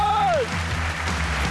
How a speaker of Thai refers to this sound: เป็นคำตอบที่ Correct! ขอเสียงปรบมือกำลังใจให้กับ Amatia Kun